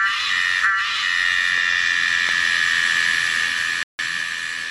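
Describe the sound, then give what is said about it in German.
A Tosena melanopteryx cicada, a large, colourful insect with long black wings, calls: a loud, steady, high-pitched buzzing drone with a shrill whine, sustained nearly unbroken except for one brief cut-out near the end. “Das Tier heißt Tosena melanopteryx.”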